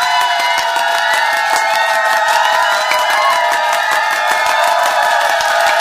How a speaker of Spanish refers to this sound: Así que nosotros enviamos un fuerte aplauso para